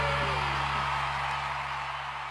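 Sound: loud applause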